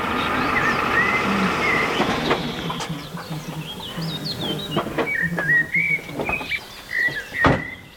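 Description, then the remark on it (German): Geese calling in flight, a scattered series of short, nasal honks repeating irregularly over a steady rushing background, with the cries growing more frequent toward the end. “da hinten fliegen jetzt, das sind glaube ich Gänse lang, ne?”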